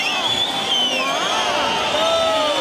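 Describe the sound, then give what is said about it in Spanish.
A bullring crowd roars in a dense, continuous wall of sound, many overlapping voices shouting and calling at once, loudly demanding the ear as a trophy for the bullfighter Ruiz Fernández, holding a steady, loud level for the whole stretch. “También es verdad que hay mucho ruido.”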